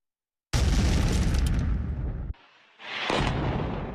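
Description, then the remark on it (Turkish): A bomb blast at the Turkish Grand National Assembly parliament building erupts with a deep roaring boom that rumbles for nearly two seconds, then cuts off, followed by a second wave of harsh, hissing debris-like noise. “Türkiye Büyük Millet Meclisi Başkan Vekili Bekir Bozdağ, meclis bombalanmasına rağmen konuşmasına devam ettiğini söyledi.”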